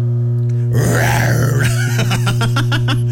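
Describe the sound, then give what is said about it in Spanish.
A tiger's roar: a long, deep, rumbling groan swelling then fading, followed by a quick series of short rhythmic grunting pulses, all over a steady low electrical hum. “Y su rugido, mira, va a rugir”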